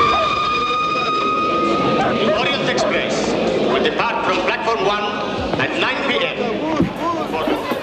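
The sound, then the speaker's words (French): A train travelling toward Baghdad rumbles along the rails with a steady, loud, dense roar and some high metallic squealing tones, while indistinct voices mix into the constant noise. “Moi, je regarde par la fenêtre du train et je vois les paysages qui changent.”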